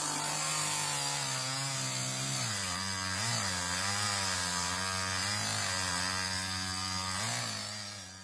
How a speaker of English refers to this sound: The farmer used the big chainsaw to cut down as many trees as he could.